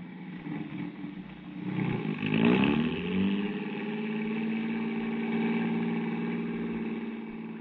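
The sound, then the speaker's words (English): A car engine revs up with a rising whine, then settles into a steady, even drone as the car drives a few blocks down the street to a drugstore. No one speaks. “Well, come on, let's get in the car.”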